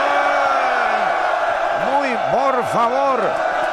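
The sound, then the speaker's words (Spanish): A loud, dense crowd packed into the Color Shop paint store at midday, many voices talking over each other, with a few rising-and-falling shouts standing out near the end. “Por favor, vayan afuera. No podemos tanta gente acá en la...”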